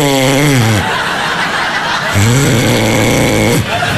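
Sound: imitated snoring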